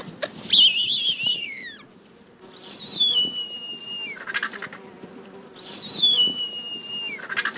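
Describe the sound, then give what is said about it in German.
A bearded vulture gives three thin, high, quavering calls in a steady series, each a wavering whistle that trails off lower, with brief pauses between them and a faint background hiss. “Seine Stimme dagegen ist weniger mächtig und er ist auch selten zu hören.”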